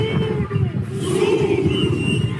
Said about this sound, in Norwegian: De roper kamprop og ser ut som de skal i krigen.